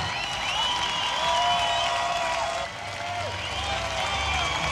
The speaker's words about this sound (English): Thank you. Just no, stop clapping. Stop that. No, it just embarrasses us. We just don't know how to react.